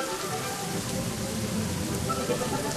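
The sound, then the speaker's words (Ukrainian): Steady rain pours down, a dense continuous hiss with scattered drops pattering on a surface, evenly loud throughout with no voices. “Але обидва метелики, жовтий і червоний, промовили: коли ти не хочеш захистити нашого братика, білого метелика, то й ми краще на дощі будемо мокнути.”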